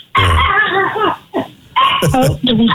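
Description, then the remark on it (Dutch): A dog barks in a few short, loud bursts separated by brief pauses, with a whiny, vocal edge to some of the barks. “Maakt niet uit, die hond, joh. Die mag lekker mee feest vieren.”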